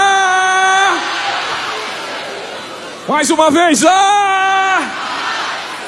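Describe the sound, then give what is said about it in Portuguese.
A large church audience, including people in the gallery, waves their hands and shouts together in a drawn-out unison cry in answer to a call about the peace of the Lord Jesus, first briefly, then again more loudly with rising and falling pitch, echoing, with a leader's voice between the shouts. “Eu só estou vendo aqui, mexendo a mão e gritando, mas o pessoal de longe está meio assim, não sei, está com a cara meio estranha.”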